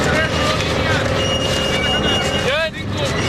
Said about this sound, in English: Long strips of sod, almost 4 feet wide, have already been cut. A tractor revs up to help roll them. People follow behind, curling the strips into fat spirals of dirt and grass.